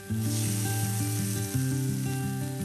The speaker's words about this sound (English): So they're starting to get really, really nice, and we want that golden sizzle happening.